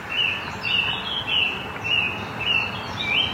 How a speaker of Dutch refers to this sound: Maar haar aandacht gaat toch vooral uit naar de vogels.